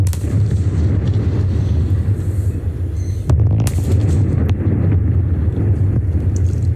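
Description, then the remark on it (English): The twin 170-metre chimneys of the old Liddell Power Station in the Hunter Valley, New South Wales, collapsing in a demolition, crashing into each other before falling to the ground: a loud, sustained low rumble roars throughout, with a sharp crack partway through and a gusty, wind-buffeted roar over the top. “On a live stream by owner AGL, the two chimneys could be seen crashing into each other before falling to the ground.”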